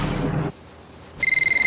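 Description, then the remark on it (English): A telephone hidden behind a sofa cushion starts ringing at 2:30 in the morning with a loud electronic trill that warbles rapidly in high tones, following a brief burst of low rumbling noise and a quiet pause. No one speaks. “dozing on the sofa, pulls the phone out from behind a cushion.”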